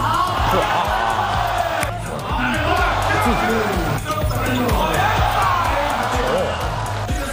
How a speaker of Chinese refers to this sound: 两支队伍势均力敌，不相上下，全场比分始终紧紧咬合。中路突破，急停跳投， 急停跳投， 接连不断的三分球，流畅精彩的上篮轮番上演。两支广东本土队伍联手，为现场观众献上一场高质量精彩对决。